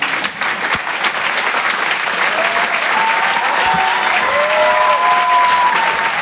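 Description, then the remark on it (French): An audience at the Rire et Chanson Comedy Club claps steadily and loudly throughout for a comedian, a dense wash of hands with a few faint whistles rising above it and scattered cheers mixed in. “On peut l'applaudir.”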